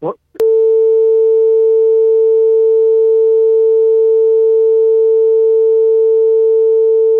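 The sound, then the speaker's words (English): A brief burst of speech is cut off by a sharp click, then a loud, steady censoring beep tone holds one unwavering pitch for about seven seconds without a break. “I got to beep every time you say that, okay?”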